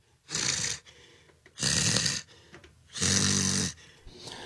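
Heavy, breathy gusts blown straight into a microphone, three long rasping exhales at a steady rhythm, loud and noisy with hissing air between them and no talking.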